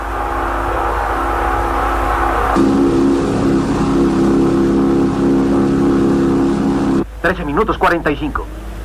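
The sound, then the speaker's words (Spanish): Racing cars roar steadily on the Parola circuit, the cars of Gómez and Alan Tracy battling for first place in the final miles: a dense droning engine noise that swells louder partway through and holds, then cuts off as a man starts speaking excitedly over the last couple of seconds. “En forma verdaderamente espectacular, los autos de Gómez y Tracy luchan por llegar en primer lugar en las últimas millas del circuito de Parola.”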